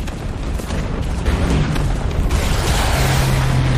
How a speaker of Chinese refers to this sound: 2点20分，苏军动手了。在德军阵地上，重炮轰击声、爆炸声此起彼伏，震耳欲聋。